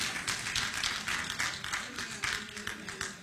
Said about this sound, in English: Somebody clap. I'm talking to somebody in here.